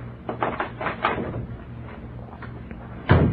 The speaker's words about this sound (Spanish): Ya entró. ¿No oí que le quitara la llave a la puerta?